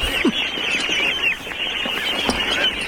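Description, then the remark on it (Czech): Ducks quacking in a noisy, overlapping chorus, several birds calling at once in a steady, busy stream of harsh nasal calls, continuous with no speech. “A bude to kachna. Kachny.”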